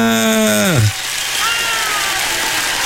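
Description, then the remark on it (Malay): A voice slides down in pitch and fades, then a steady wash of crowd applause for a correct quiz answer takes over, dense and crackling at an even level for a couple of seconds. “Bagi tepukan yang pandai menjawabnya.”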